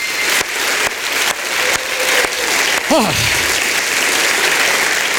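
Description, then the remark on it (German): An audience at a poetry slam claps steadily and loudly for several seconds as a warm-up, dense applause filling the room, with a brief falling voiced sound, like a whoop or cheer, cutting through midway. “Ihr seid warm geklatscht, das ist herrlich, denn wir brauchen euren Applaus für einen Poetry Slam.”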